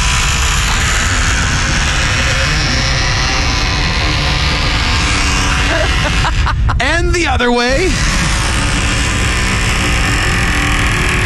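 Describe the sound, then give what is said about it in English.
A squeaky door creaks open and shut, a loud wavering squeal that bends up and down in pitch for about two seconds, with people talking before and after it. “Do you want to hear the original squeaky yes, door please.”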